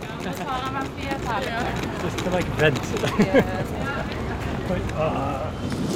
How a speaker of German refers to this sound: Leider regnet es und windet, aber ja.